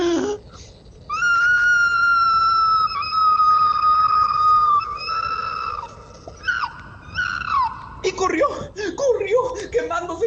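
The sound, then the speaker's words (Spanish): A voice imitates an opossum's loud, drawn-out scream of pain as its tail burns in a fire: a long, high, strained wail held for several seconds, then broken into shorter cries and whimpering yelps. “Y el tlacuache pegó un fuerte grito de dolor, más o menos así.”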